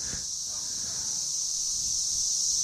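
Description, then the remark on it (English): A steady, high-pitched chirr of cicadas in Nashville, where they number in the trillions, drones on without a break late in the day, a dense shimmering buzz holding at an even loudness throughout, with no voices over it. “The warbling chirr of the cicadas.”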